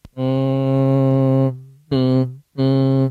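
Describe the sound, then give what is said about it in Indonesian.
A voice demonstrates ghunnah, the nasal sound of Quranic recitation made through the nose, holding a steady, low nasal hum: one long sustained tone followed by two shorter bursts at the same pitch, clear and fairly loud with no other sounds. “Itu suara hidung namanya.”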